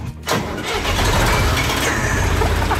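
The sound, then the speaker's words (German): A 1977 Fendt implement-carrier tractor with a tipper mounted at the front starts with its key after a brief pause, then settles into a loud, steady, rumbling run with a coarse mechanical rattle and no voices over it. “Ein Fendt-Gerätetraktor mit Kipper vorne dran aus dem Jahr 1977.”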